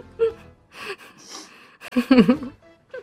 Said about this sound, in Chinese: 这是吸鼻子，真的很精髓。